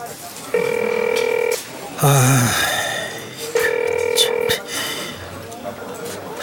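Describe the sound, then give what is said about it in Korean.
A phone line rings twice through the earpiece, two long steady buzzing tones about a second each with a pause between, and no one picks up. A brief vocal sound falls between the rings. “얘는 왜 이렇게 전화를 안 받아?”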